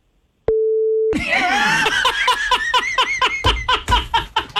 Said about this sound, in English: Now, here's the thing. I'm on the beep button. So if you want to say it, go ahead and say it.